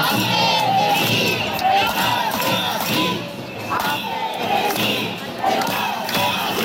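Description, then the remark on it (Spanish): A large crowd of protesters shouts and chants slogans together outdoors in the streets of central Alicante, a dense, loud wall of overlapping voices that swells and dips continuously, with no single speaker standing out. “Sí, y a sus gritos reivindicativos ya conocidos por todos se suma ahora el de Ampe, Cesif, Encar, Estemasí,”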